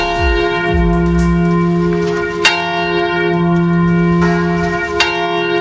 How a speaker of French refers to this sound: Alors là, demandez à monsieur le curé de sonner les cloches. Il fait ça bien. Après, il est déchaîné, il s'arrête plus. Hein. Il sonne les cloches pendant des heures et des heures. C'est pour ça qu'on a coupé l'enregistrement.